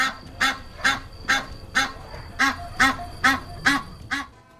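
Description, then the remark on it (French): Geese honking loudly, a steady run of about nine harsh, nasal calls spaced evenly apart, with no voices over them; the geese of Rome's Capitol waking the Romans at night. “Mais les oies, qui ne dorment jamais que d'un œil, réveillent les Romains par leur insupportable.”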